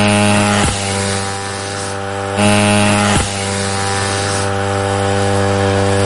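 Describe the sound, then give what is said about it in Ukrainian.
A military drone's engine drones loudly and steadily at takeoff from the runway as it departs on a mission, a buzzing, harmonic-rich hum with two brief dips in pitch before holding its tone again. No one speaks. “Попереду сотні кілометрів, останні приготування на злітній, гул двигуна, і борт вирушає на завдання.”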